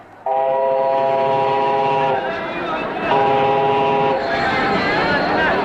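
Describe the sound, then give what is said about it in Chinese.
A train rolls along with a steady, loud rumbling noise, while its horn sounds two long, sustained blasts, the second shorter, over the continuous clatter. “再说了，这火车上也不是讲话的地方，等到了汉口我慢慢告诉你。”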